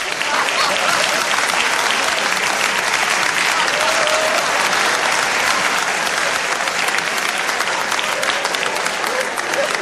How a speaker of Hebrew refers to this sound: לקבל אותו במחיאות כפיים סוערות,